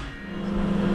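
A microwave oven hums steadily while a Bluetooth speaker's audio breaks up into a continuous low buzz and crackly, scrambled noise, holding at an even level throughout with no clear speech.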